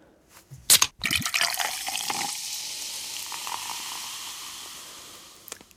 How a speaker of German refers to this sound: Ich denke, es ist eine Limo aus der Dose. Aha, es könnte natürlich auch ein Wasser aus der Dose sein.